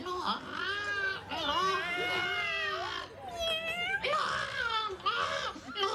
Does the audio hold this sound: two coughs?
no